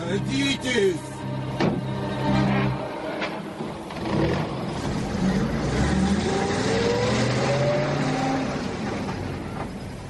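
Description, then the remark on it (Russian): A car engine starts up and revs, then pulls away, its pitch rising steadily as it accelerates. The sound is fairly loud, with brief muffled voices near the start. “Садитесь в машину.”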